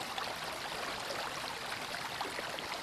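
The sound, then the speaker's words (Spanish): The Llaga river rushes steadily through a limestone gorge by the Castillo Mayor massif, its dense, hissing flow holding an even loudness throughout with no pauses and no voices. “El río Llaga horada las paredes calizas, incidiendo en la roca como si se tratara de un cuchillo.”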